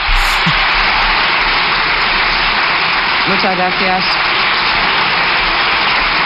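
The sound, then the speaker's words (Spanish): A large crowd of Partido Popular deputies in parliament gives a long, loud ovation, a dense unbroken wall of clapping that holds steady throughout, with a brief raised voice cutting through midway. “Como es habitual también, ovación cerrada por parte de los diputados del Partido Popular.”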